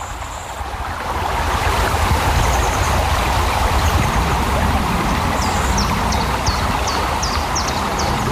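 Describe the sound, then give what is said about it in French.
Steady rushing of the Vltava river flowing by the city quays in Prague fills the scene, a dense, even wash that fades in during the first second, with faint high bird chirps repeating near the end. “les bateaux amarrés au port donnent parfois l'impression de quitter la ville.”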